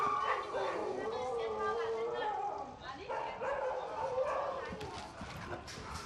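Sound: large dog barking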